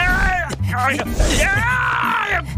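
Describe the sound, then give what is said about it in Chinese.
The cartoon bear Xiong Er lets out a series of loud, drawn-out pained yells, the strained voice wavering up and down in pitch across several anguished cries with only brief breaks between them. “是熊二的惨叫声，他肯定是老醉了。”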